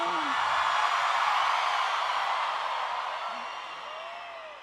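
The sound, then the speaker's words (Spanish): A large crowd in Mexico City shouts a cheer, roaring together in a loud, sustained wall of voices that holds steady for several seconds, then gradually fades toward the end. “y que se escuche un grito, Ciudad de México.”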